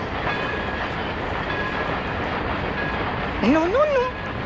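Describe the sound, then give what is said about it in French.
A toy train rattles steadily along its track in a continuous, even rumble, and a brief wavering whistle sounds near the end. “Mon doudou est peut-être en train de jouer au petit train.”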